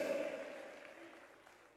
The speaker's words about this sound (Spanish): Padre, los he derrotado. Dale ese aplauso de victoria al Señor.